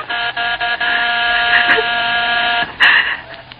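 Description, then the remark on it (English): A penthouse doorbell rings insistently as a harsh, steady electric buzz that holds for several seconds, with a few brief flickers and one short break near the end before it resumes. “Suddenly, the doorbell stopped.”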